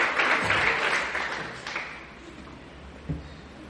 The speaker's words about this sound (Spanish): Para el Señor ese aplauso, déselo fuerte, hermano. A su nombre.